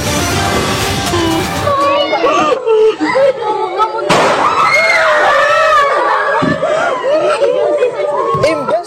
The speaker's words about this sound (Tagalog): Boses ng nagtuturo na guro, sunod-sunod na putok ng baril ang umalingaw-ngaw sa San Jose National High School sa Tacloban City sa Leyte.